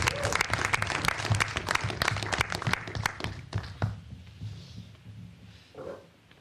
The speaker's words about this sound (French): On peut l'applaudir.